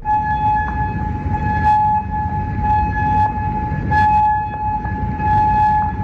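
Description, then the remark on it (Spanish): Air raid sirens wail steadily on a Monday in Kuwait, Amman in Jordan, or Bahrain after Iran retaliated against US strikes on Iranian targets. A sustained loud tone holds its pitch throughout, with rumbling background noise and occasional brief hissy bursts; no one speaks. “Y las sirenas en Kuwait este lunes, también en Amán, Jordania, o en Bahrein a lo largo de la jornada, después de que Irán decidiera replicara esa novena noche de consecutiva de bombardeos selectivos de Estados Unidos contra objetivos iraníes,”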